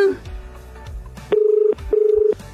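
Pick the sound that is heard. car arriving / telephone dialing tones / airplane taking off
telephone dialing tones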